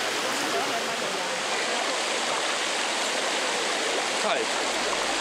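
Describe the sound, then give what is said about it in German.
Steady rushing water flows and splashes continuously, fairly loud, with a broad hiss like a small stream or cascade pouring into the pools of Bagni San Filippo, an old natural thermal spa with hot springs. “Und das Wasser hier wird dann gespeist.”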